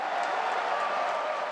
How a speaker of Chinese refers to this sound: 在世界杯期间，香港多间商场举行多彩的看球活动。21号恰逢父亲节，很多球迷一家大小来商场看球。 球迷的欢呼声